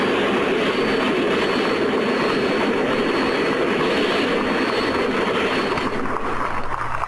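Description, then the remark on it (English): Granatelli's side-mount Paxton Turbine race car, the Turbine Experimental, roars past at the Brickyard in a loud, continuous rushing whoosh with a thin high-pitched whine on top. The sound eases slightly near the end, and no one speaks. “That was the sound of the Turbine Experimental.”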